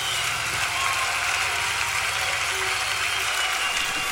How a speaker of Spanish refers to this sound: Bendito Dios, un aplauso a aquel que es poderoso. Aleluya.